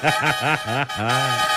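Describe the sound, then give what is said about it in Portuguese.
A rooster crows loudly: a few quick clipped notes, then one long drawn-out call, with no talking over it. “Chama na buzina aí, bebê! Cutuca o galo”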